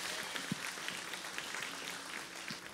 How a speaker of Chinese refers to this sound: 极大的掌声归给主。